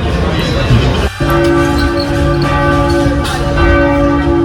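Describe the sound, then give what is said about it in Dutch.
The bells of the Cathedral of Our Lady (Onze-Lieve-Vrouwekathedraal) in Antwerp ring out loudly with a sustained, humming resonance, a new stroke entering about a second in and layered tones lingering over a steady background murmur. “Dus voor degenen die het al een beetje missen, dit zijn ze. De enige echte klokken van de Onze Lieve Vrouwenkathedraal van Antwerpen.”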